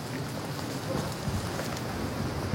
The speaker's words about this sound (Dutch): Staat hier een stevige wind.